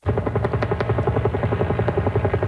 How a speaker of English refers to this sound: Helicopters are dropping water on a wildfire that broke out inside Belcarra Regional Park, 40 kilometers east.